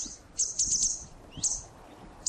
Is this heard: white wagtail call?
yes